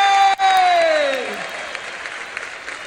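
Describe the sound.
A crowd applauds steadily, with a long shouted cheer from one voice sliding downward in pitch over the clapping at the start; the applause then thins out and gradually fades.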